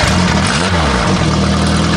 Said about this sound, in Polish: To traktor? Motorek!